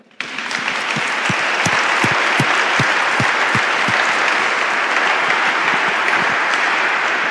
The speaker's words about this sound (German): Ich würde sagen, da geben wir mal einen Applaus dafür.